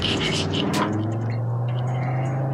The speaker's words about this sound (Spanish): El sonido del motor es una belleza. Qué buena forma de celebrar los 50 años del motor de 5 cilindros turbo y pues tal vez de despedirlo, ¿no?